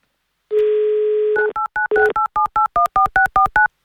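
A steady dial tone for about a second, then a quick run of about eleven short, evenly spaced two-pitch beeps as a number is keyed in on a telephone, as Avtoradio hosts call a listener on air. No voices.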